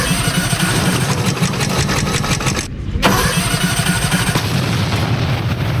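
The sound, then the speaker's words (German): A small, loud racing lawnmower engine, prepared for a lawnmower race, sputters and catches, then roars steadily with a rough, rapid mechanical rattle, briefly dipping before revving back up, with no voices. “Jetzt gehen wir zur Seite, Horst. Ich schmeiß das Ding an.”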